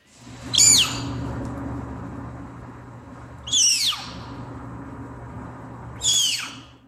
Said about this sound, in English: And you're about to hear a snow leopard cub while it's being weighed by veterinarians at the Como Park Zoo and Conservatory in St. Paul, Minnesota.